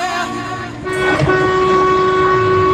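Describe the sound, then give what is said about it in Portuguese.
Several vehicle horns honk together in a loud, sustained blare from people honking in celebration, steady tones layered over one another with a brief burst of extra noise partway through. “Ó, povo buzinando, fazendo festa com a gente.”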